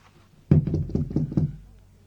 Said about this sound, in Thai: เคาะประตูเรียกสิ